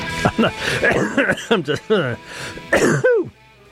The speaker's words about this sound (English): That was a genuine cough.